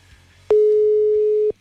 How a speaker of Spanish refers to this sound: Ok, vamos a marcarle vía, ¿cómo se llama? Por WhatsApp. A ver qué rollo si nos contesta. Marcamos entonces ahora.